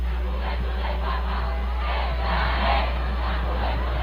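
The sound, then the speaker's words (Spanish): A huge crowd of more than 650,000 young people cheers and chants together, a dense, continuous roar of voices with rising swells of shouting, amid applause and a sea of Spanish flags as Pope Leo XIV arrives in the popemobile and greets the faithful. “Entre aplausos, cánticos y un mar de banderas de España, el pontífice rompió el ritmo previsto de la jornada para acercarse a los fieles y saludar uno a uno a quienes llevaban horas esperándole.”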